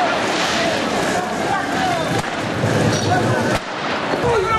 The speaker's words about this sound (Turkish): Arama çalışmalarının hızlandırılması talebiyle sokağa çıkan gençler polisle çatıştı. Güvenlik güçlerine taş ve havai fişek fırlattılar. Polis göz yaşartıcı gazla karşılık verdi. Gösterilerin adresi Tunus.